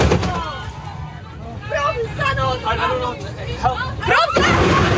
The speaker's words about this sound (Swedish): Nej, men det är ju de här, det är ju när bussen kör in i de här vajerstängslet och på något sätt verkar få bussen att bromsa in.